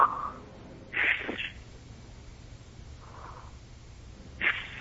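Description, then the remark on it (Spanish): A voice imitates slow, calm breathing: a few soft, airy inhales and exhales spaced out over several seconds, with quiet pauses between them and no talking. “Era una respiración más o menos así.”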